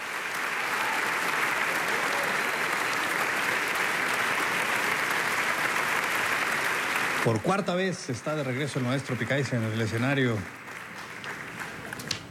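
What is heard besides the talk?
concert audience applause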